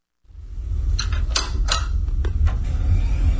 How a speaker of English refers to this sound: The familiar sound of a computer booting up. You're probably near one right now.